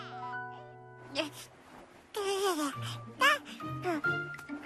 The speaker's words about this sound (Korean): 어? 이게 무슨 소리지? 인형이 우는 건 아닌데. 그럼 이 소리는 어디서 나는 거지? 어? 1층에서 아기 소리가 나네.